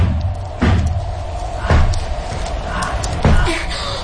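Three heavy, booming thuds of someone pounding on a wooden door, spaced slowly about a second or more apart, over a steady low background rumble.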